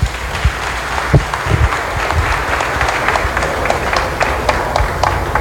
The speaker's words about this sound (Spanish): Así que bueno, un aplauso para nuestra policía ambiental. Muchas gracias, muchachos.